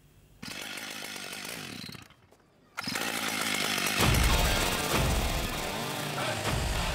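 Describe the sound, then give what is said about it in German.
A chainsaw engine roars, briefly dropping to a lower idle before revving hard again and biting into a solid oak log four metres long and 80 centimetres thick, as a chainsaw artist carves wild boars from it, with a loud, sustained buzzing snarl. “Also, wenn der den Motor anwirft, wie kürzlich in Kreuzter, dann fliegen nicht nur die Späne, dann ist das eine echte Show.”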